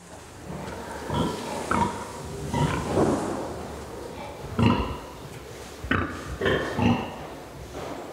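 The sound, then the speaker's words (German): Several sows grunt in low, throaty bursts in a farrowing barn on an organic pig farm, overlapping and irregular, with a few louder snorting grunts standing out against a steady background hum of the barn. “Die Sauen sehen sich nicht, deshalb grunzen sie”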